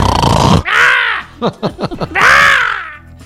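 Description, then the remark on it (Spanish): A voice imitates snoring: a harsh, rasping snort, then a loud nasal drawn-out snore, a short sputtering flutter of lip-like pops, and another long, loud snore. “Sí, ay, con mis ronquidos.”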